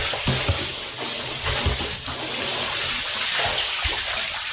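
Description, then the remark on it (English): Water sloshes and splashes steadily as a man draws it up from a deep well in the mountains of Mongolia's Gobi Desert region, with dull low knocks and thuds mixed in, fairly loud, and no voices. “Thousands of miles away, a man pulls water out of a deep well in the mountains of Mongolia's Gobi Desert region.”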